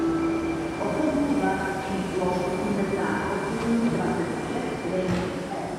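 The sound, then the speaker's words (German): Busy train station ambience at Masarykovo Nádraží, a station in central Prague, heard from a pub inside the station: a steady rumble of rail cars with tonal squeals and hums, plus faint background chatter, continuous and fairly loud throughout. “Eine Kneipe im Masarykovo Nádraží, einem Bahnhof mitten in Prag.”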